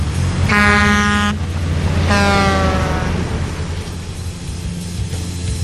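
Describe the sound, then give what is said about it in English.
Two loud, rich truck horn blasts, the first steady and the second bending downward in pitch, over a deep rumbling engine that continues after the horns stop. “Hopefully that's Optimus going to find us a Pro Bowl site on that one.”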